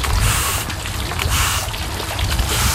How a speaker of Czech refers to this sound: Pustíme tady vodu. No, vezmu kartáče a čistíme.